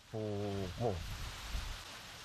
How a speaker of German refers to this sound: Ja, die Insel erstarrte. Wir hörten nur noch das Pfeifen des Windes und das Prasseln des Regens.